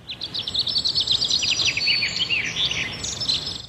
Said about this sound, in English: Ah, Sharks, did you hear that? Did you know that hearing birdsong every day can actually improve your mental health?